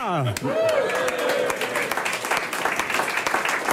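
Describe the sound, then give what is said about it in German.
A crowd applauds with dense, crackling clapping that stays loud and steady throughout, opening with a brief rising-and-falling vocal whoop over the clapping. “Also was ihr alles klatscht, ist ja kaum zu fassen.”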